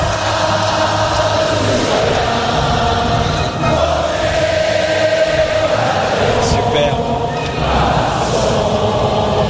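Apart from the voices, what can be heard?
applause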